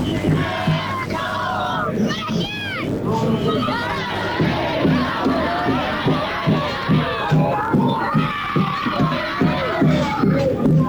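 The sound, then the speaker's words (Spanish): A large crowd of Belgrano football fans chants and cheers together outdoors at the gate of the stadium in the Alberdi neighbourhood, loud, with voices rising in a steady, rhythmic beat that carries on without a break. “Escucha a todos los hinchas de Belgrano.”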